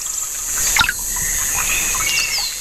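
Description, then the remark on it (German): An outdoor ambience by a bench near water in the Rostocker Heide heath, Germany, with a steady high hiss and scattered bird chirps and calls, including one brief sharp sound near the start, with no talking. “wir sitzen hier in der Rostocker Heide auf einer schönen Bank, nah am Wasser.”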